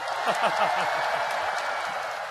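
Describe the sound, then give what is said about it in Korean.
An audience claps steadily, a dense, even patter of many hands throughout, with faint voices mixed into the applause. “박수 한번 치셔줄까요?”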